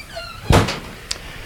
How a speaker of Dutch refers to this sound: Kijk, de deur wordt voor ons geopend door Willem. Luisteraars, Willem de Ridder die met een sigaar in de hand doet hij de deur open.